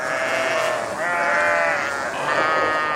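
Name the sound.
sheep bleating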